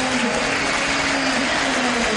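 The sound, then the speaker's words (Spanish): A large stadium crowd applauds the football players Milton and Delgado, a dense wash of clapping and cheering that holds at the same strong level throughout, with a low crowd hum underneath. “Milton muy aplaudido. Delgado aplaudido.”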